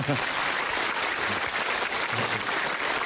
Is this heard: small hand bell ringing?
no